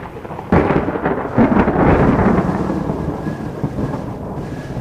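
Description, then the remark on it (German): A heavy storm with a sudden deep rumble of thunder breaking in near the start, rolling on loudly over a steady wash of pouring rain, with no voices. “Dieser Sturm war anders. Er war besonders schlimm.”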